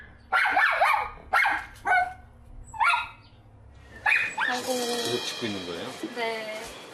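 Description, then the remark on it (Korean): A dog named Garu, left outside while its guardian works, barks anxiously in a run of sharp, high-pitched yelps and whines that break off and resume. Later a person talks over more whimpering. “저렇게 짖으면은 옆에 있는 로이도 스트레스 받을 것 같아서.”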